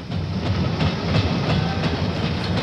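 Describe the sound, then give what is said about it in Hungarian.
A moving train clatters steadily along the rails, with a continuous rumble and a regular clickety-clack rhythm from the wheels. “Én a következő vonattal indulok.”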